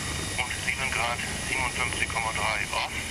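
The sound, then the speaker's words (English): A helicopter engine spins up with a steady high turbine whine over a broad rumble, as engine one is started after the before-start check, while a voice talks on top of the noise. “Engine one, fire. Before start check is complete, that's it.”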